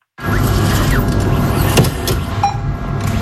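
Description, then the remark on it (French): The cash machine at the La Poste post office in Vialas, Lozère, France, whirs steadily as its motor dispenses notes, a continuous mechanical hum with a sharp click partway through and a short high beep near the end. “À cause du bureau de La Poste, le guichet comme le distributeur de billets que vous venez d'entendre et qui permet pourtant de faire vivre la commune”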